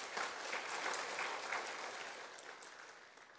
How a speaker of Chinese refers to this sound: 我们今天早上的论坛第一位就是由高雄道场的住持圆普法师圆普法师，把他鼓掌鼓掌啊。